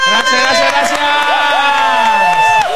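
A loud, continuous burst of audience cheering, with whoops and sustained shouting voices rising and falling over scattered clapping, lasting a few seconds without a break.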